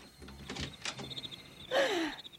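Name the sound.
door being opened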